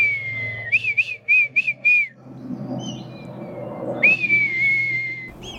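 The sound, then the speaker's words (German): A man whistles an imitation of a female red kite's call: a long wavering whistle, then four quick rising notes, and later another drawn-out whistle that glides down, over a low steady hum. “ahmt ihren Ruf nach”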